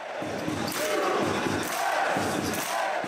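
A loud crowd of US soccer fans at a Washington, D.C. World Cup viewing, at the start of the United States match against Belgium, shouts and chants together while a drum pounds out steady, evenly spaced low beats beneath the roar.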